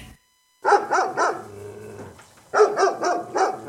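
A dog barks loudly in quick repeated bursts, breaks into a low rumbling growl, then resumes a rapid run of sharp barks.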